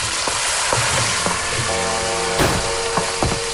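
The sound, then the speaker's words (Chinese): Busy kitchen sounds at home as a wife and her children prepare dinner: a steady sizzle of frying with scattered clinks and knocks of utensils against pots and bowls, several sharp taps standing out, without talking. “妻子带着孩子们正在准备晚饭，锅碗瓢盆叮叮当当，演奏着一曲幸福的交响。”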